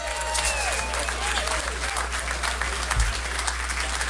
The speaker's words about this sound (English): I want one more round of applause just for the …, guys.